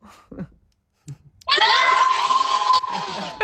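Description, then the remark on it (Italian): After a few brief spoken bits, a group of people bursts into a loud, sustained shout of greeting, many voices cheering together energetically for about two seconds. “Ciao, fate un grido.”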